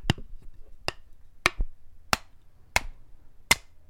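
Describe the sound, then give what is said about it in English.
Someone hammers while making a box: six sharp, bright hammer blows strike at a steady, unhurried pace, each a crisp crack that dies away quickly, with no voices between the hits. “what the heck are you doing with that hammer?”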